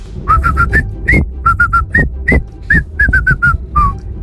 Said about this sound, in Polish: Słychać, nie? Że to w Meksyku. La Cucaracha! I najbardziej muzykalne gwizdki dzisiaj na Messengerze RMF Max z głosówkami